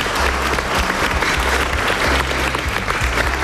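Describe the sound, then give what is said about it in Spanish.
A group of fifth- and sixth-year primary schoolchildren of CEIP Javier Paulino in La Solana, Campo de Montiel, clap loudly together, a dense, steady wash of rapid overlapping hand claps that holds at full strength for a few seconds without talk. “como van a hacer los niños y niñas de quinto y sexto de primaria del CEIP, Javier Paulino, a los que pedimos, ahora sí, chicos, hay que aplaudir fuerte, un fuerte aplauso.”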